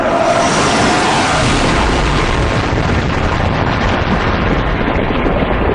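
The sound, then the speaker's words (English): A loud, thunderous sonic boom from jets flying at very high speed, during a six-month sonic boom test over Oklahoma City, rolls through as a sustained, heavy rumble, deep and broad, holding steady for several seconds with no voices. “And out of nowhere, the people of Oklahoma City are hearing these cracking, thunderous blasts.”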